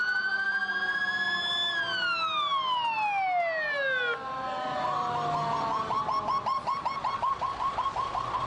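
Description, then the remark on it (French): Loud emergency sirens wail through New York amid dust after planes struck the World Trade Center, their pitch sweeping down in long glides before a rapid warbling tone takes over, with birds chirping faintly in the background. “New York est plongée dans un chaos de sirènes et de poussière.”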